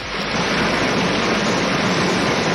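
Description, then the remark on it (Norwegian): A small brook trickles and splashes in a steady, continuous wash of watery hiss, with no voices and no pauses throughout. “Det var en liten sildrende bekk.”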